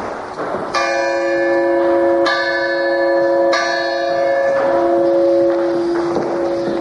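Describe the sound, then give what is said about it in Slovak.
A large church bell made in the late 17th century tolls loudly, three or four resonant strikes spaced evenly, each ringing out with a long humming decay, over faint wind noise. “Zvon z konca 17. storočia.”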